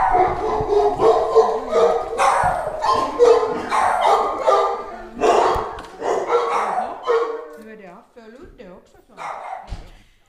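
Several dogs, including Happy and Gabby, bark at the Syrenbacka dog hotel in Västra Hangelby, Sibbo, in loud, irregular bursts, trading sharp barks and higher yips that overlap, with the noise thinning into a few scattered yaps near the end.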